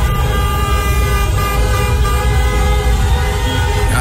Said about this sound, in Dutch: Getoeter daar op straat bij Kaapverdië spelen namelijk 5 in Nederland geboren voetballers.